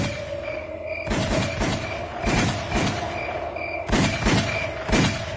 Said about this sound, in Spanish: Repentinamente, unos tiros.